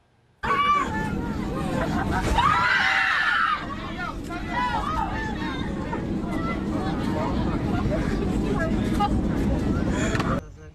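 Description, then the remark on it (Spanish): Panicked screams and shouting from dozens of passengers in the cabin of a Volaris flight from Las Vegas, Nevada, to Guadalajara, Jalisco, after an engine reportedly caught fire soon after takeoff, over a constant loud engine roar, with one piercing shriek rising above the crowd early on. “Y los gritos dentro de la cabina de un avión reflejaron el miedo que vivieron decenas de pasajeros.”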